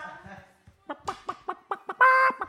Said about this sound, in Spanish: ¿Que la gallina ponedora te ataca?